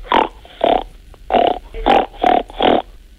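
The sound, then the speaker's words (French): A person imitates a pig with six short, nasal snorting grunts in a steady rhythm, fairly loud, with brief pauses between each one and no talking. “Pour le cochon? Il fait ronc.”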